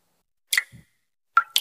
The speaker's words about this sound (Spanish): ¿Y eso qué se oye? Ah, eso. Nada, que me gotea la ducha.